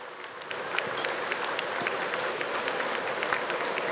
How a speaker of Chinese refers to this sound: 我们非常感谢高雄市市长陈其迈市长以及侯局长的帮忙，让我们每一年都可以在高雄巨蛋举行，我们是不是给他们热烈的掌声？